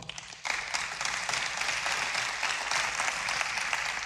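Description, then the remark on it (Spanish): A crowd breaks into steady applause for invited guests after a brief quiet moment. Dense overlapping claps are sustained at an even, moderately loud level for several seconds with no voices over it. “Denle un aplauso.”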